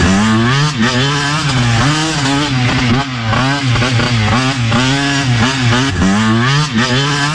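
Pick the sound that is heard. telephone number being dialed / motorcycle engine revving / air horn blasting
motorcycle engine revving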